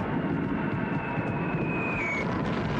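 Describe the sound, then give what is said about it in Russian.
A large group of enemy bomber aircraft approaches a river crossing, their engines a steady, dense roar overhead, with a thin high whine that slowly slides downward before fading, continuous and fairly loud throughout. “На переправу заходит большая группа вражеских самолетов.”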